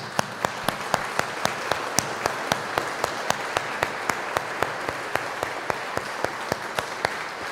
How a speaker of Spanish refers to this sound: Vamos a darle un fuerte aplauso a Cristo Rey.